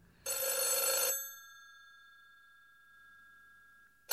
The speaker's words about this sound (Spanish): El teléfono sonó aquella noche a las 10:30, cuando Rosemary estaba en la cama leyendo y Guy estaba viendo la televisión. Él contestó a la llamada